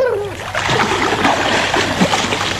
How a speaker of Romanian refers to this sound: Vezi și tu ce văd și eu acolo? Acolo, în lac. Da, regina mea, o caleașcă a căzut în apă.